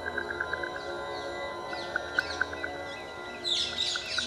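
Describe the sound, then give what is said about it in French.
A flock of ring-necked parakeets calling together, with rapid repeated chirps and sharp screeches that build into a dense, shrill chorus toward the end, heard over a steady outdoor background. “Les perruches à collier forment une espèce grégaire.”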